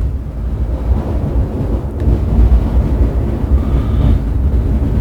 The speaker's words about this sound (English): Now that is a thunderstorm. Wow. Torrential rain, rolling thunder